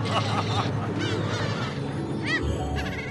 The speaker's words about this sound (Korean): 좋은 건 나눠 먹어야 더 맛있는 것. 덕분에 갈매기도 포식합니다.